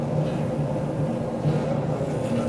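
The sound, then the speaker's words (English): A steady low rumble fills the space, like riding inside the club car, the last car of a two-section passenger train rolling along the rails, with faint tonal hums running underneath and no voices. “There are two sections of train. I'm in the first, that's car 1 to 19.”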